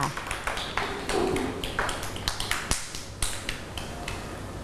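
A group of children clap together in quick, uneven bursts of sharp claps that continue for several seconds at a moderate, close-up level, with faint voices in the background.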